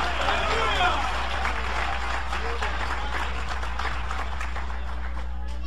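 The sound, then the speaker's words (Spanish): An audience bursts into sustained applause for Jesus, dense rapid clapping that stays loud and steady throughout, with a faint murmur of voices and a low hum beneath. “Dale ese aplauso de poder a Jesús.”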